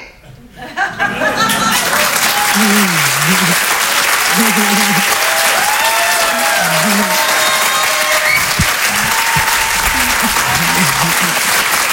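An audience breaks into loud, sustained applause for comedian Judith Delair after a brief quiet start, dense clapping holding steady throughout, with cheers and scattered laughter rising through it.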